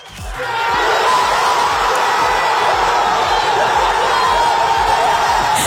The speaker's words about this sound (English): That is people crying in pubs, people screaming, lifting each other up in adulation.